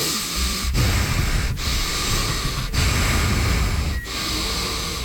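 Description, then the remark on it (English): A voice imitates a man's heavy, labored breathing: loud, rasping breaths repeated in roughly even cycles with brief pauses between them, no words spoken. “He was breathing terribly hard.”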